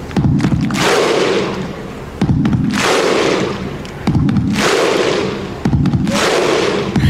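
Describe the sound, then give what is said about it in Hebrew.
A huge stadium crowd of Icelandic football fans performs the Viking-style thunderclap chant: four or five slow, evenly spaced booming claps with a unison shout, each ringing out over a loud, continuous crowd roar. “כן, כולם זוכרים את גביע העולם ב-2018 ואליפות אירופה ב-2016, ואת האיסלנדים עם צעקות העידוד שלהם שהפכו ללא ספק לוויראליות.”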